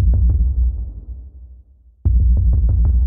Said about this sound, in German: Das heißt, ich habe auf dem Schreibtisch rumgetrommelt. Dieses du-du-du-du, du-du-du-du-du-du war das, was mir erstmal einfiel, was ich aus Spaß auf diesem Schreibtisch ausprobiert habe.